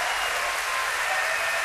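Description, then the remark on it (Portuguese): Steady, dense applause from an audience at a live concert at the São Luís, a continuous bright wash of many hands clapping at an even loudness with no voices standing out. “Merece-me esse aplauso, sim senhor!”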